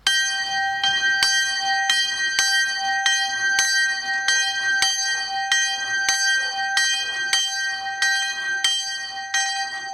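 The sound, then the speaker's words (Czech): The St. Joseph bell, tone G3, 28 cm across, about 13 kg, cast in 1997 by bellfounder Rudolf Perner in Passau, Germany, tolls in a simple open turret on the cemetery hall roof in Horní Stropnice, Czech Republic: a steady, even rhythm, more than a dozen bright strokes overlapping into a continuous shimmer, no voices. “Na střeše místní hřbitovní síně stojí jednoduchá otevřená zvonička. Je v ní zavěšen zvon svatý Josef.”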